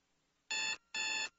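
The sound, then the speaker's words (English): An alarm clock rings in two loud, steady electronic bursts separated by a brief pause, with a third beginning right at the end and no voices. “No alarm clock.”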